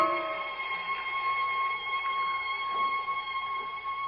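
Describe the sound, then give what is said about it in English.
A far-off bell's thin, high tinkle rings on steadily outside on a quiet night with a faint sustained tone, soft chimes recurring about once a second, heard alone without any voices. “The night is quiet outside, except for the tinkle of that far-off bell.”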